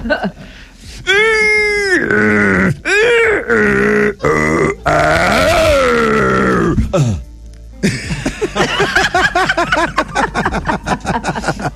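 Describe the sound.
A voice imitates someone straining to defecate on the toilet with loud, drawn-out grunts and moaning groans that bend up and down in pitch, then breaks off into talk and laughter.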